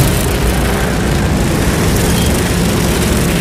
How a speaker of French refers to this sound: Le tonnerre des moteurs, un épais nuage de poussière et une légère odeur d'essence. Pendant 24 heures, le bal ne s'arrête pas.